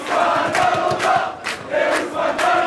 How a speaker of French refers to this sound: Des cris de liesse dans ce bar parisien où … a suivi la rencontre.